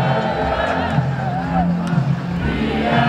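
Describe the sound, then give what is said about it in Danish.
A dense, steady roar of a street crowd at night in central Copenhagen, celebrating Denmark's 2-0 win over Germany at the European Championship. Many voices shout and cheer at once, with rising whoops and calls cutting through the continuous babble. “Et sydende, boblende menneske har skyllet i nat gennem det indre København efter 2-0-sejren over Tyskland i EM.”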